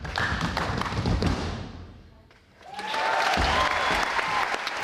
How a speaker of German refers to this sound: Applaus für die Stomperinnen und Stomper gestern Abend in der Staatsoper Hannover. Die sind mit ihrer Show noch bis zum 12.07. dort zu Gast.